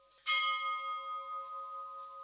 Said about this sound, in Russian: Что это? Колокол. Колокол! Так звонят, когда кто-нибудь умер.